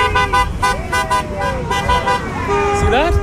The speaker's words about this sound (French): Vous voyez, le conducteur qui vient de klaxonner est philippin.